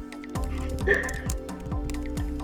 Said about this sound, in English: I'm just typing some of our Mu crew into the Mastodon tube for the show.